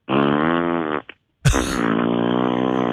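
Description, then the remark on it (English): A voice imitates loud, buzzy farts from a man peeing at the urinal next to the speaker in a public restroom: one long, drawn-out blast, a short sputter, a brief silence, then a second, even longer rasping fart that runs to the end. “And so he's sitting there farting the whole time he's peeing.”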